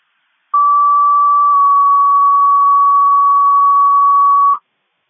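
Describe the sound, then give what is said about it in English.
A single steady electronic tone holds at one pitch for about four seconds, loud and clean with no other sounds, then cuts off abruptly: a city fire dispatch alert tone for a health alarm for engine 1, difficulty breathing, at Washington Family Health. “City fires health alarm for engine 1, difficulty breathing, Washington Family Health.”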